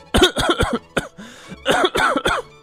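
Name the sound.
repeated coughing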